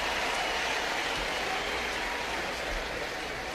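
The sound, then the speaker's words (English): A baseball crowd cheers and applauds for Andrew Monasterio after his diving stab at short saves a run, a steady, dense roar holding at an even loudness for several seconds, with no clear voices rising above it. “Wilson stops at third, and the crowd rejoices for Andrew Monasterio.”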